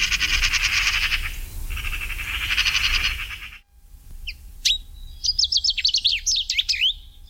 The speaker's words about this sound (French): Le numéro 13, c'est le pinson des arbres. Voilà un oiseau qui était très très très commun autrefois et qui le devient un peu moins maintenant. C'est le plus courant des fringilles, mais il ne se porte pas forcément très bien.